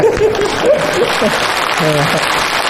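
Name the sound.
audience applause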